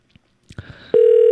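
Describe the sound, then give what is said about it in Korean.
A few soft clicks and rustles, then a loud, steady electronic ringback tone of an outgoing phone call, placed by a live radio show to its first contestant, starts and holds unbroken to the end. “전화 가고 있죠.”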